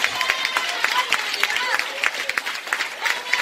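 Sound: audience applause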